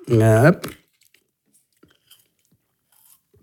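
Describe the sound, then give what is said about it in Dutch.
A brief vocal sound opens, then a quiet pause filled with soft mouth noises: faint slurps and gulps of someone taking a sip of water, spaced out and very low in level. “Een evangelist, ik neem heel even een slokje water, if you don't mind.”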